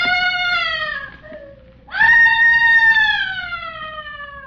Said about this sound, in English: Where is that screaming coming from?